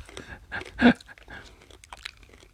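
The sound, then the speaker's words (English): Crunchy chewing of a spicy hard candy, with a sharp loud crack near the start followed by irregular smaller crunches and mouth sounds, no one speaking. “I'm too nervous. I'll chew it.”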